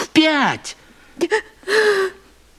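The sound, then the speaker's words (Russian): A woman cries in three broken, wavering bursts: a rising and falling wail, a couple of short catching sobs, then a longer trembling cry. “Ну, почему ты плачешь?”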